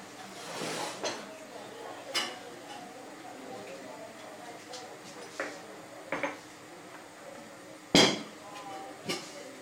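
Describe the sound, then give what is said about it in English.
A metal lid is set on a pot of chai to bring it to the boil, giving a series of sharp clinks and clanks spread over several seconds, with one louder clatter near the end. “We cover and wait till it is boiling.”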